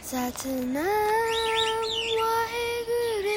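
Birds chirp loudly in a continuous stream of bright, warbling calls with sustained whistled tones, with no talking.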